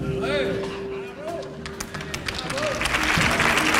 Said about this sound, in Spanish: Esta ovación da respuesta a tu respuesta.